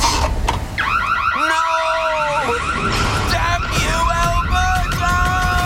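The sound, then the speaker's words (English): A loud electronic alarm from an Alberta home security system wails in rapid, repeating rising-and-falling sweeps, with steadier held tones joining partway through. It keeps sounding continuously until the end. “The police have reported a significant decrease in break-ins this week, and Smooth Sam seems to have met his match, an Alberta home security system.”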